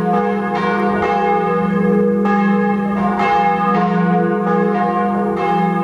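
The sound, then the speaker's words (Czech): A large, newly cast bronze bell in a bell foundry, rung by the bell founder after its deposits are removed to test its voice, rings with a deep, sustained hum and rich overtones, struck repeatedly at a slow, steady pace so each new strike blooms over the lingering resonance of the last. “Každý zvonař určitě utíká ke zvonu a první, co udělá, tak po odstranění těch nánosů, které na něm byly, tak na něj zazvoní, zjistí, jaký má hlas a jestli může mu dát vlastně ten rodný list, aby opustil zvonařskou dílnu a odešel k objednavateli.”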